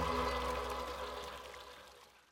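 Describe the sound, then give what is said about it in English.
Water pours steadily in a full-bodied splash that gradually tapers off over a couple of seconds, with no voices over it. “When you just add water, you change a life.”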